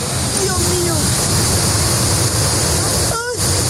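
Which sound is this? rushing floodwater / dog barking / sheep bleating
rushing floodwater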